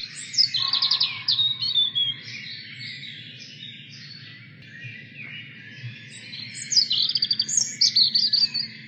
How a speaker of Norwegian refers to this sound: Ja, de er rødstruper. En fantastisk fin fugl.